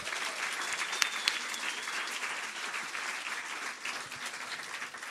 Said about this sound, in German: Und der Applaus für ihn kommt bitte aus euren Reihen.